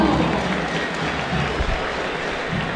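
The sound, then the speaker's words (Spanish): A stadium crowd at a River match applauds the announcement of player number 13, Lautaro Rivero: a steady, moderate wash of many hands clapping that holds evenly for a few seconds, with no whistling or cheering standing out. “Un poquito para Rivero, pero sin silbidos.”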